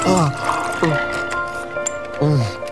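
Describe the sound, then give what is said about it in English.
Ice water pours from a pitcher in short glugging bursts, three distinct gushes with a sliding, hollow tone, fairly loud against a busy background. “Here, ice water!”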